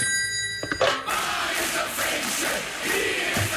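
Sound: telephone ringing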